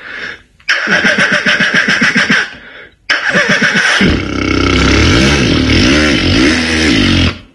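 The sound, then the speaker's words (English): A man's voice imitates a motorbike starting: a rapid sputtering crank for about two seconds, a brief pause, then a loud engine roar that revs up and down in waves. “Starting a motorbike.”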